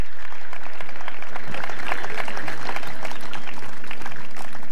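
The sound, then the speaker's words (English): An audience at an independence celebration claps steadily for several seconds, a dense, even patter of many hands with no break, moderately loud and without voices on top. “Let me hear you put your hands together.”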